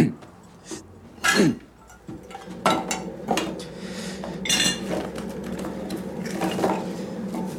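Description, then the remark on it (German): Tea being made: a few sharp clinks of a cup and spoon, then a steady rushing pour of water and then milk, with more soft rattles of crockery, fairly loud throughout. “Man kippt immer das Wasser zuerst rein, dann die Milch.”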